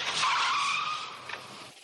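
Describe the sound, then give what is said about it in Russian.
A large black car's tires screech loudly as it brakes and skids to a halt at a building entrance, a sustained squeal lasting nearly two seconds before cutting off, with no voices. “К подъезду подкатила большая черная машина.”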